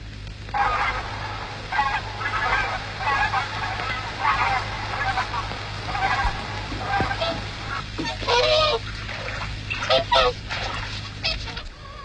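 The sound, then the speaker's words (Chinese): A swan honks repeatedly in a steady, rhythmic series of nasal calls, moderately loud, over a constant low background hum with a few brighter, harsher cries near the end. “集市上白鹅都卖一块多钱一斤，这天鹅得值多少钱呢？”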